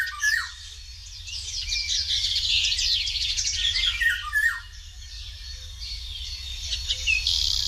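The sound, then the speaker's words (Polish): Outdoors, a Eurasian golden oriole's melodious, fluty whistled song mixes with busy chirps and harsh squawky notes from other birds, continuous, over a steady low background rumble. No one speaks. “Jej śpiew składa się z pięknych, melodyjnych, fletowych gwizdów, które z większej odległości można pomylić jedynie ze śpiewem kosa.”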